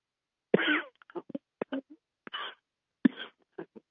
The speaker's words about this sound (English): You got the coughs there